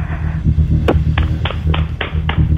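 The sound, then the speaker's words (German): About six sharp hand claps in a bathroom, made by a radio listener to prove being out of bed for Radio Teddy's early-riser challenge, in a fairly steady rhythm, each leaving a short ringing echo over a low, constant hum. “Und das beweist du uns einmal bitte, indem du ins Badezimmer gehst und dort in die Hände klatscht.”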